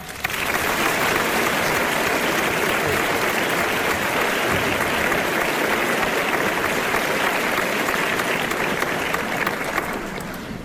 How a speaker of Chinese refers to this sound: 现在请大家用热烈的掌声有请复朝慰问文工团第五团副团长